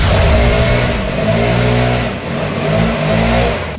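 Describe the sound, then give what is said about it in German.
A very loud leaf blower in front of a front door in Germany roars steadily, its buzzing motor pitch wavering up and down as if throttled, a dense droning wall of sound with no voices over it. “Hier wird das Haus gestemmt und jetzt auch noch der lauteste Laubbläser Deutschlands vor meiner Haustür.”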